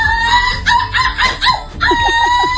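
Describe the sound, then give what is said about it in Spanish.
A young woman from Vigo, silver medalist in an international seagull-imitation contest, imitates seagull calls: a run of sharp, high, nasal cries and yelps in quick bursts, loud, with laughter-like breathy pulses between them. “tenemos a una joven viguesa que ha ganado la medalla de plata en un concurso internacional de imitación de gaviotas.”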